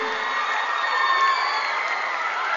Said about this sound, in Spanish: Un aplauso, por favor.